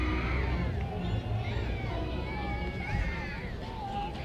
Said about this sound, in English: Another 0-2 from Menendez is a little outside, barely. Hodgetown crowd not a fan of the call.